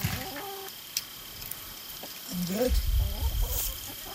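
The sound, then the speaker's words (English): Chickens cluck in short, irregular bursts, with a few higher squawks rising over a low rumbling background toward the end. “And we got lots of chickens, too.”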